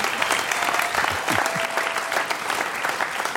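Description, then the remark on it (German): An audience claps steadily for Hannes Hitzelberger, the dense patter of many hands filling the whole stretch at an even, fairly loud level, with no voices standing out. “Sende zu unserem Hannes einen kleinen Applaus.”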